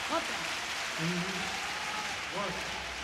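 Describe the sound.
A large stadium crowd at a concert claps in a steady, dense wash of noise, with a few voices rising in short cheers and shouts above the applause.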